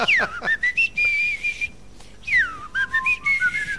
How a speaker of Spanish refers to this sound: Tendría yo que silbar, mira.